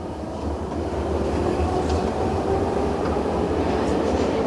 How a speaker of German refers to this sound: Dann schließen sich die Türen. Die S-Bahn fährt los.